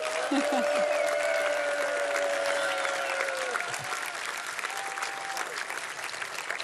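Steady audience applause fills the room, a dense wash of many hands clapping at even loudness for several seconds, with a few faint cheers or whistles riding over it.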